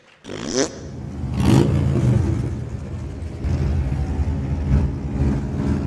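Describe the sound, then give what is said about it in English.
A Harley-Davidson motorcycle engine, one of five USA-made motorcycles displayed on the White House front lawn, revs loudly, a deep throaty rumble that swells and holds steady for several seconds with a few sharper throttle bursts, and no voices. “In fact, they proudly displayed five of their magnificent motorcycles made in the USA on the front lawn of the White House.”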